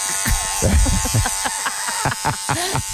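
Electric hair clippers buzz steadily throughout, a continuous, fairly loud motor drone with a thin, whiny edge, while faint, indistinct voices come and go underneath.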